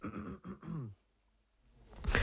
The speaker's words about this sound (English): Sorry about that, just had the occasional cough and fit, so I really hope it doesn't happen in the next 10 minutes or so while I'm talking.